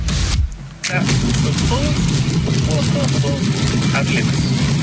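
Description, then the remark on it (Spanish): Steady, loud rumble of a Tesla car driving, heard from inside, with the radio playing faintly beneath the road noise; a brief dip in the noise near the start. “Se escucha ahí su vehículo, cómo va.”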